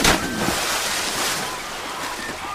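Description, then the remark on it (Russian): Water splashes and churns continuously for a couple of seconds as geese jump into the water and a girl follows them in, a steady, fairly loud rushing wash with no voices. “Гуси разбегаются, прыгает в воду, и Марфа за ними.”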